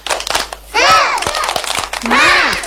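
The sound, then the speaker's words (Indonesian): Children in a studio do a 'tepuk semangat' spirit clap: a quick rhythmic pattern of sharp claps broken up by loud, drawn-out group shouts of 'semangat' in bright young voices. “Tapi sebelumnya, kita tepuk semangat dulu ya. Tepuk semangat.”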